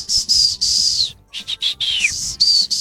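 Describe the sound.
A person whistles the summoning call a father used to call his children: a string of loud, shrill, piercing whistle bursts, a longer sustained note, then quick chopped notes and a downward-sliding glide before a final high whistle.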